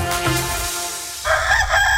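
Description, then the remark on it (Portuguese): A rooster crows loudly, a single drawn-out call with a strained, rising tone that breaks into a higher final note, with no voices present. “Quando o galo canta, é sinal de tradição, confiança e economia de verdade.”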